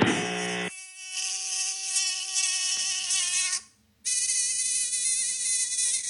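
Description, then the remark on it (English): A high, whining buzz from a tiny mosquito drones steadily, shifting pitch slightly, cutting out for a brief moment, then returning just as loud. No one speaks. “Talking about the mosquitoes, and what I noticed this year is the mosquitoes are teeny tiny.”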